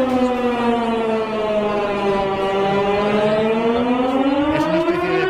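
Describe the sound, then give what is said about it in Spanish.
A civil defense warning siren in Strasbourg, sounding its monthly test at noon on the first Wednesday, heard at the foot of the Notre Dame Cathedral, wails steadily, its harmonic-rich tone dipping slightly in pitch and then rising again over several seconds, loud and continuous with no voices. “Este sistema de emergencias, por si alguna vez hay alguna emergencia de verdad.”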